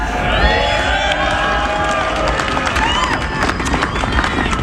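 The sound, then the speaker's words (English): A loud crowd of Rockies fans cheers continuously at the unveiling of Hall of Famer Todd Helton's statue at the corner of 20th and Blake, reacting to his comments, with many overlapping voices shouting and a scatter of claps cutting through a dense, steady roar. “And although Todd does not really like to do public speaking, he riled the crowd with his comments today.”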